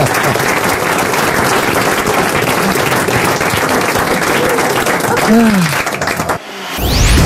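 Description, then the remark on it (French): A studio audience bursts into loud, dense applause that holds steady for several seconds, with a brief cheer rising near the end before the clapping cuts off abruptly. “on l'applaudit, bravo Christophe”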